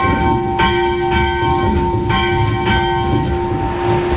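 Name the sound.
school bell being rung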